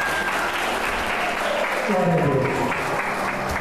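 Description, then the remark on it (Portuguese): A church audience claps steadily for the name of Jesus, a dense, sustained wash of applause, with voices calling out and chattering beneath it. “Aplauda o nome de Jesus.”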